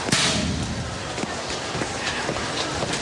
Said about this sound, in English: turns and heads in the other direction and slaps a locker.